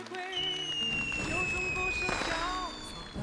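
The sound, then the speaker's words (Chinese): Fireworks crackle and pop in a dense, continuous burst with rising whistles overhead at New Year, watched from a high-rise building, while people talk faintly underneath. “快看，烟花。”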